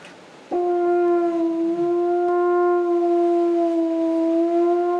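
A French horn, played with the right hand in the bell to adjust tone and pitch, sounds one long, steady, mellow note that starts abruptly and holds at even loudness for several seconds, rich in overtones, with no voices.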